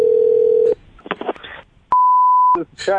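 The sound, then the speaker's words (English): A steady telephone dial tone hums, then a quick burst of dialing clicks and a single sharp electronic beep as a fire station is called for a prank call, followed by a voice briefly starting to talk. “We're going to call him at the station and ask to rent one of their fire trucks”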